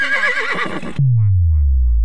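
A horse whinnies loudly for about a second with a shaky, wavering pitch on WRGW District Radio, then cuts off into a deep booming tone that slides lower and rings out.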